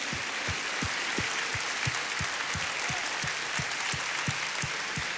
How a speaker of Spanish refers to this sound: ¿Qué le parece si nos ponemos de pie? Y le damos un aplauso al Señor de gratitud.